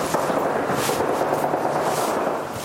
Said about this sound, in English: Some gunfire in the background.